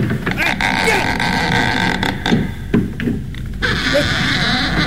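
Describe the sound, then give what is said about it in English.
A goat bleats in a loud, drawn-out, wavering cry that fills the few seconds, prominent, with a brief break in the middle before the nasal bleat resumes. “Hey, what are you guys doing with that goat?”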